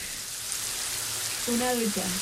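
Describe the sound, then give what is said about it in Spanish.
Running shower water, picked up by a caller's microphone during a call, makes a steady, even hiss that fills the whole clip, and a voice briefly sounds over the spray near the end. “¿Escucha la ducha?”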